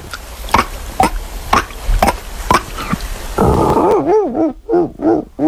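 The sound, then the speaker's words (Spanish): Someone imitates a dolphin with the voice: a run of sharp, regular clicks, then a rough buzzing hum that breaks into rising and falling squeaky whistles. “Mira, joder, al mar y todo, te puedo hacer un delfín.”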